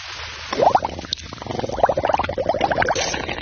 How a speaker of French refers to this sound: Mais qu'est-ce que tu fais à barboter dans le lavabo? Ce n'est pas une baignoire.